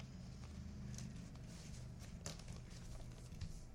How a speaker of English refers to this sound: is continuing to try and wrap my book, which is far too large for the piece of paper. In fact, the paper only covers the sides of the book.